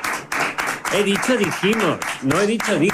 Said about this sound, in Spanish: Todos, por favor, fuerte aplauso para...